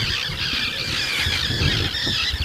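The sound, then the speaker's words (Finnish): Common terns calling loudly in the morning, a dense overlapping chorus of harsh, high-pitched squealing cries that continues without a break, with a low rumble underneath. “Kalatiirat pitää tuossa nyt kovaa meteliä, nekin ihan vasta hetki sitten ilmestyi tuohon.”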